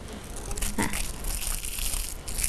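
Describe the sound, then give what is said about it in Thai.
Crinkling and rustling of paper being crumpled by a teacher and stuck down for a children's craft, a steady series of soft crackles with one sharper crunch early on, as the paper is pressed down. “ก่อนที่เด็กๆจะขยำกระดาษนะคะเด็กๆต้องคิดออกแบบก่อนนะคะว่าเด็กๆอยากจะทำเป็นรูปอะไร”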